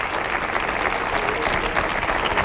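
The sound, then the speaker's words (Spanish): Sustained audience applause for Ricky Rivera, dense and steady clapping from many hands filling the whole stretch at a loud, even level, with no voices standing out. “Otro aplauso para Ricky Rivera, que vamos a dormir así, ¿eh?”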